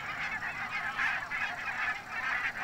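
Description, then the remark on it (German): A large flock of tens of thousands of migratory barnacle geese, grazing sheep pasture on the North Sea coast, honks continuously, a dense overlapping chorus of high, yapping calls that swells and dips in loudness throughout, with no voices present. “Zehntausende Nonnengänse fressen den Schafen das Gras weg.”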